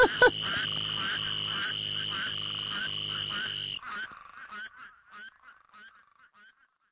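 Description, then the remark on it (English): A dense, loud chorus of spadefoot toads drones steadily, then cuts off abruptly, leaving a green toad's short, repeated trilling calls alone, gradually fading out. “What I love about this track is that there is a little green toad who keeps interrupting all of the spade toads, and he's sort of saying, "Hey guys, I have something to say, move over."”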